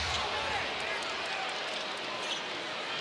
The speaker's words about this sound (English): Crowd a little buzz going after that. That was a deep one.